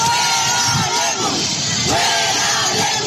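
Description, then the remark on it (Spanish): A large crowd of protesters chants and shouts in unison, loud and continuous, with rising and falling collective voices forming a rhythmic protest chant over a dense wash of crowd noise, protesting dirty water reaching homes and demanding the resignation of governor Pablo Lemus. “Los manifestantes exigieron la renuncia del gobernador Pablo Lemus y de los funcionarios responsables de que llegue agua sucia a las casas de la ciudad.”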